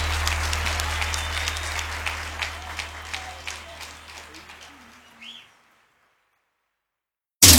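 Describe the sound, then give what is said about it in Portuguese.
A crowd claps steadily with dense, overlapping applause that gradually thins out and fades to silence after about five seconds, followed by a brief burst of sound at the very end. “de palmas”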